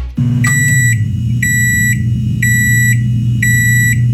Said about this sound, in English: Sounds like my microwave. It is. And my porridge is ready, so I better eat it. Yeah, that's exactly what it is.